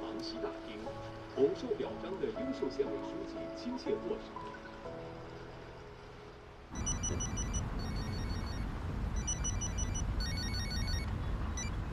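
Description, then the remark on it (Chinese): A phone rings with a repeating electronic trill, high-pitched bursts in steady groups over a hissing background, after a stretch of voices and tonal music-like sounds, as someone places a call to ask where a family member is. “哦，我打电话问了，看他到哪儿。”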